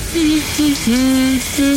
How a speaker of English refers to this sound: Oh, nice, relaxing shower. Yep, that'll wake you.